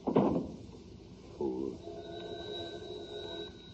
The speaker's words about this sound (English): Close that door after you.